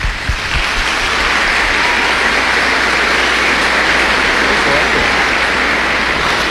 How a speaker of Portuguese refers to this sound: Muito obrigado a vocês que durante essa semana rezaram por vocês e por cada um de nós. Vamos acolhê-los com a salva de palmas.